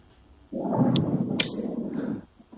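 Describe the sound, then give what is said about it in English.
A low, rolling rumble of thunder swells in abruptly and churns steadily for nearly two seconds before fading, moderately loud, with no voices over it. “That's so interesting, you know, as you ended off with that statement, Imam, of course, the lightning and the thunder came, and, you know, it's almost like a confirmation.”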